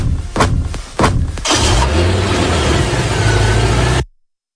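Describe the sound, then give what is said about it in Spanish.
A white car's engine cranks with a few sharp bursts, catches, and settles into a loud, steady rumble that builds as it pulls away in an escape, ending abruptly after about four seconds. “Es el final, triste final, de una historia que comenzó el 29 de octubre de 2017 con una huida en un coche blanco.”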